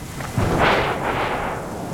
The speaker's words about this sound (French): Et maintenant, il entend le tonnerre. Et voilà, encore un éclair. Le tonnerre gronde, gronde. Il gronde de plus en plus fort.